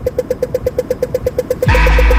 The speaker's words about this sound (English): That track is everywhere at the moment, but I can't help, after Rebecca and Brendan talked about it the other day, that it sounds a bit like the Dublin traffic lights.